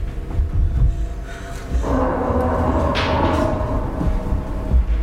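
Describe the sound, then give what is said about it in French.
In a stage play, a table is shoved against a door: a heavy, sustained scraping drag with low thumps and rumbles, growing rougher and louder about two seconds in. No one speaks. “Va pousser la table contre la porte!”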